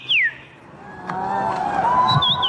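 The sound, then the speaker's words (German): A person whistles birdlike calls at a bird-voice imitation championship in Warsaw, Poland: a sharp downward-swooping whistle, then a sustained tone and a rising, warbling trill, fairly loud over a low murmuring background. “Denn in der polnischen Hauptstadt findet einmal im Jahr die Meisterschaft im Nachahmen von Vogelstimmen statt.”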